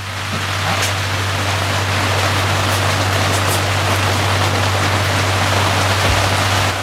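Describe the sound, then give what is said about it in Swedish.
A steady, dense hiss of rain falling indoors in a studio fills the whole stretch, loud and unbroken, with a low constant hum running underneath and no voices. “Och då regnade lite grann här inne, som du kan höra.”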